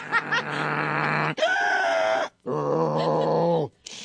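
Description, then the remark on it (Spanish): A person imitates their own snoring while sleeping with a CPAP machine, making piglet-like grunts: three drawn-out, nasal, squealing snorts, fairly loud, separated by brief pauses. “¿Usted hace ruido cuando duerme? Sí, como puerquito, porque uso la máquina, pero así como puerquito, sin más.”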